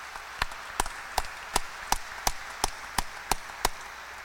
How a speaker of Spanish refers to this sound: A ella le damos un fuerte aplauso en el día de su cumpleaños.